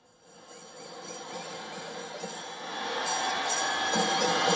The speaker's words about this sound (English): Standing alongside him is the Australian Prime Minister Anthony Albanese. The two leaders seen greeting the enthusiastic crowd, waving and shaking hands and acknowledging the warm reception.